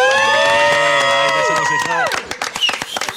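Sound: crowd applauding and cheering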